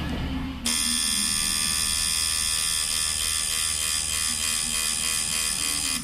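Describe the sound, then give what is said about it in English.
A tattoo machine at Squid and Whale tattoo shop in Portland, Maine, used by the artist on a piece covering a client's entire torso, starts up after a brief low rumble and buzzes steadily and loudly, a dense high-pitched electric whine with a faint underlying hum, continuing without pause to the end. “Cindy Lou Pappenfuss is the artist and owner of Squid and Whale, a tattoo shop located in Portland, Maine. She works on a piece that takes up the client's entire torso.”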